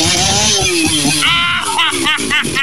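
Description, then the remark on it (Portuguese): A chainsaw engine catches on the first pull and runs loudly, its rough buzzing drone shifting in pitch as it revs, with excited voices talking over it. “Deixa eu achar o ponto aqui onde ele liga a motosserra aqui, ó. E ela pega de primeira, rapaz.”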